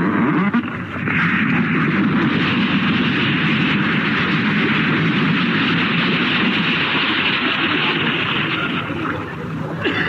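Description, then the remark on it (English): A loud, sustained crashing roar like a boat ramming into another, with rumbling, grinding noise that fills the whole stretch and fades slightly at the end. No voices. “I think they're going to ram us, sir.”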